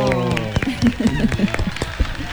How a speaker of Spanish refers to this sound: Eso, un aplauso. ¡Bravo!